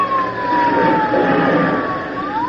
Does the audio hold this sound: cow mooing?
no